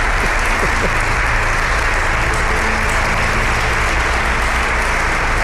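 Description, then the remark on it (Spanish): Steady, dense applause from a group of people for a member of the programme's production team fills the whole stretch, a loud continuous patter of many hands clapping with no talking over it. “Un aplauso para ella, que me está diciendo que no, pero solamente falta que diga que no.”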